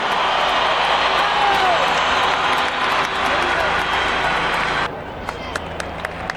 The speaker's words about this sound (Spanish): ¡Vamos Nacional! ¡Siempre Nacional! ¡Un aplauso para James Rodríguez!